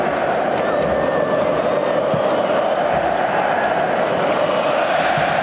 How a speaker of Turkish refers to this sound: Oley oley sesleri Wembley'de.